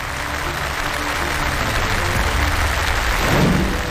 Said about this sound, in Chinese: 到底今天哪一位在第二现场观战的冠军会被挑战呢？马宝莉，让我们掌声有请宝莉登场。